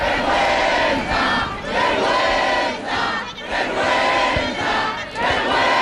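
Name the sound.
protest crowd shouting angrily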